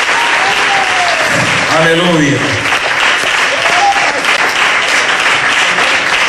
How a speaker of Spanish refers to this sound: Gloria a Dios, denle fuerte ese aplauso al que vive, hermano.